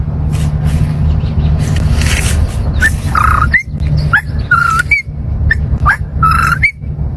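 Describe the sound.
A person whistles an imitation of a whip-poor-will, repeating the three-note rising call about three times in quick succession, fairly loud over a steady low hum.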